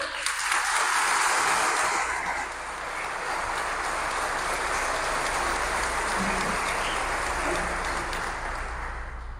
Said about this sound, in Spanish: Un aplauso a Dios.